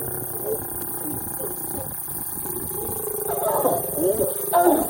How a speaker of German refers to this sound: Das gibt es auch nicht oft. Zwei Löwen paaren sich am helllichten Tag direkt neben der Straße. Autos stehen um die Tiere herum, Kameras klicken, Handys filmen.